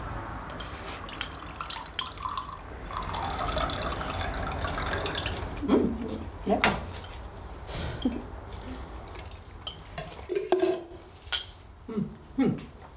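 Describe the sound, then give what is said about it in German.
Lemonade is poured steadily into a glass for several seconds, followed by a few sharp clinks of glassware and tableware, with faint voices murmuring in the background. “Kannst du mir was auffüllen?”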